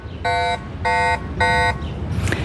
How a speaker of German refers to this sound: Zuerst ist der erste kleinere Alarmton und nachher kommt der wirklich störende und zurückschreckende Alarmton.